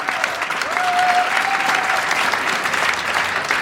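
Steady audience applause at a medal ceremony fills the whole stretch, a dense wash of clapping hands at even loudness, with a brief thin whistle-like tone sliding in early and fading out.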